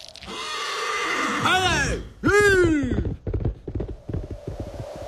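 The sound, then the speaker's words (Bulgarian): A horse whinnies loudly, two quivering neighs back to back, followed by a run of short, uneven thumps fading under a low background hum. “Поне конят ми остава.”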